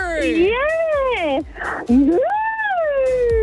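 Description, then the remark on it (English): A caller on the Kiss 101 radio station imitates a cow's moo with a long, wavering, drawn-out voiced call, rising and falling in pitch, twice, separated by a brief breathy pause, loud and unaccompanied by other talk. “Okay, look, good news, you've got a great moo on you, not going to lie.”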